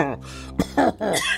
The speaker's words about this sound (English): coughing.